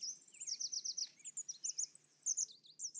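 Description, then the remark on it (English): A red warbler sings on a clear, sunny morning, a rapid, high-pitched song of thin chirps and trills, repeating nonstop, with a faint low rustle of background ambience underneath and no voices. “So this is what a clear morning sounds like.”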